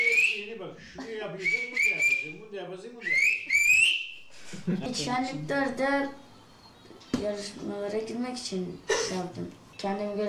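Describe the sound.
Several sharp, rising whistled phrases ring out in quick succession, pitched and shaped like spoken syllables, followed by people talking in a different language with voices close by.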